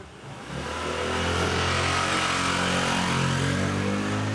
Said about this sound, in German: Genau das Spanien, wie sich das vorgestellt hat. Enge Gassen, jeder hängt seine Wäsche raus, überall fahren Motorradfahrer.